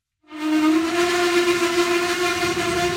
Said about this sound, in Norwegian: Vi gått inn på et tog som ristet av gårde fra Litauens hovedstad Vilnius mot den historiske byen Trakai.